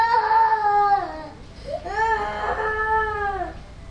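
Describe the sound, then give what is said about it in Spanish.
A girl, a princess, cries inconsolably after her ball fell into a pond and disappeared, in two long, wavering wails with a brief sharp gasp between them, loud, with no other talking. “La niña empezó a llorar muy desconsolada.”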